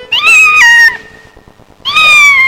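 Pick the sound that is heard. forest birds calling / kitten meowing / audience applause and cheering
kitten meowing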